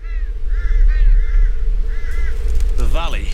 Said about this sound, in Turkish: Vadi dağ kargalarıyla dolu ve ben beslenmek için bu durumdan faydalanmayı planlıyorum.